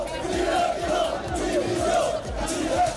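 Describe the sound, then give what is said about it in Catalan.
A crowd of Girona football fans chants loudly in unison outside Montilivi stadium after the match, a steady rhythmic call of "Dimissió!" (resignation) repeated over and over with many voices blending together. “Aquests eren els càntics que s'escoltaven fora de Montilivi un cop acabat el partit.”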